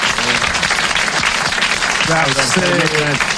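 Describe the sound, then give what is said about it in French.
A crowd applauds steadily for a contestant who has just won a prize, a dense wash of many hands clapping at an even loudness, with a man's voice briefly calling out over it near the end. “Vous l'applaudissez très fort.”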